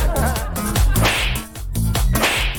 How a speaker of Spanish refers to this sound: Le vamos a enviar un charchazo radial a todos los que se cruzan.